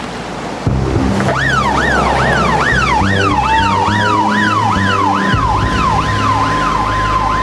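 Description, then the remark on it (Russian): An ambulance siren wails loudly and close by, its pitch sweeping up and down in quick repeated cycles over a low engine and road rumble, with no one speaking. “Примерно через полчаса где-то рядом с воем промчалась машина скорой помощи.”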